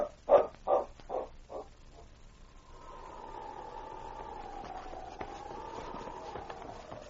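Husky dogs give four quick, evenly spaced barks, then a long wavering howl rises and carries on steadily for several seconds, moderately loud with no voices.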